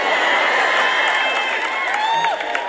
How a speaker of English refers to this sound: Did you hear them clapping and cheering?